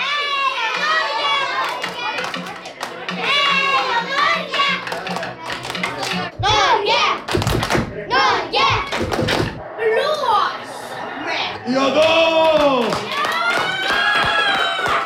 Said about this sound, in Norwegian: Den første kampen som sto på programmet var Norge-Senegal. Da var det liv I klasserommet.